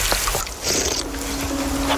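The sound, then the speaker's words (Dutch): Continuous water trickling and splashing softly as someone drinks from a ditch in the Netherlands, with a brief brighter gush partway through and a low steady hum underneath; no talking. “Ja, jij drinkt hier dus uit een rivier in Nederland.”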